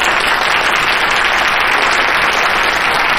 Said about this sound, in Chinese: 大家鼓掌吧！